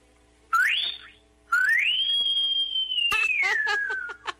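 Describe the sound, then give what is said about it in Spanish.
A person whistles a farewell: two sweeping notes, a short rising one and then a long rising-and-falling tone that ends in breathy laughter, with no talking. “Ya despídanos con un chiflido.”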